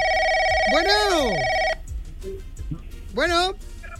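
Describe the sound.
A steady electronic telephone ring of an incoming call sounds for under two seconds, loud, with a swooping voice-like sound over it; after a quiet gap, another short swooping vocal sound follows.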